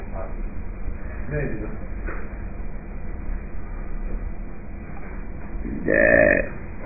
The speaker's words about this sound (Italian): Ruttino.